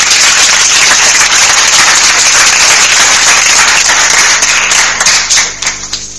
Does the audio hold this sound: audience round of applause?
yes